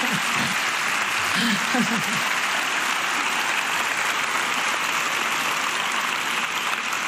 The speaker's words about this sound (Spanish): Un aplauso, por favor, que eso siempre ayuda.